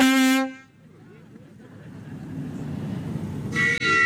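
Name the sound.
steam launch whistle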